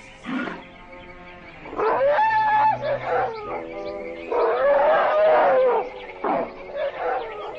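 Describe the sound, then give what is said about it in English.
Herds of Indian elephants, adults and young, bathing and playing in water trumpet and bellow in a series of loud, drawn-out calls with wavering pitch, separated by brief pauses, with no talking. “whole herds of playful Indian elephants migrate here to bathe.”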